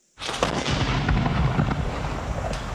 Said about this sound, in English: On the 22nd of November, a single six-pounder gun is hauled up to the colonial forces location and fired into the pa, and they fire about six shots over about 2 hours. The gun has no carriage, so each time it's fired, it topples over into a ditch,